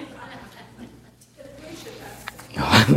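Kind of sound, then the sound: human body sound, sneeze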